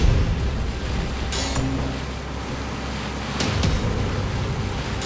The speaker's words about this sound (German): Hier spricht die Wasserschutzpolizei. Stoppen Sie Ihr Boot. Ich wiederhole, stoppen Sie Ihr Boot.